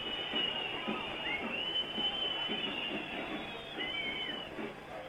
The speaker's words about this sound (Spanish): Los silbidos son el sonido ambiente corto, pero elocuente y contundente del primer tiempo espantoso que acaba de jugar el equipo cervecero.